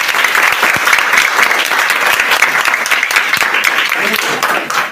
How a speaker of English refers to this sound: 37 degrees centigrade. A round of applause.